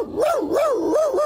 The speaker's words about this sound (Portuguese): Quem não gostou nada de ouvir isto foi o cão que durante anos fez de Inspector Max e que está hoje connosco em estúdio. Bom dia, Max. Sente-se injustiçado?